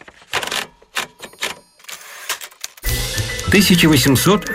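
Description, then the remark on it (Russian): Typewriter keys clack in quick, uneven bursts for a few seconds, crisp, before a person begins talking over the fading keystrokes; the sound represents the first typewriter with the familiar keyboard, from 1868, patented by Christopher Sholes and Carlos Glidden. “В мире впервые застучала пишущая машинка со знакомой нам клавиатурой.”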